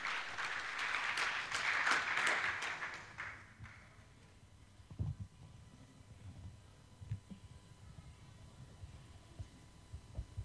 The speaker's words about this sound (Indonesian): Beri tepuk tangan yang meriah.